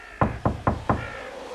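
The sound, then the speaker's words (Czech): Four firm knocks on a wooden door, evenly spaced in quick succession, fairly loud, with a faint background hum behind them. “Zaklepej ty.”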